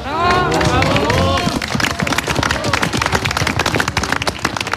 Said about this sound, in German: Applaus für die Hirtenkinder auf der winterlichen Bühne. Ein Hirtenspiel in einer Kulisse, die das Märchenbuch nicht besser präsentieren könnte. Der Salzburger Bergadvent im Großaartal hat uns heute in die Alpen gerufen.